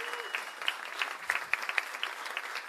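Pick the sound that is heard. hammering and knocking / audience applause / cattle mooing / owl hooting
audience applause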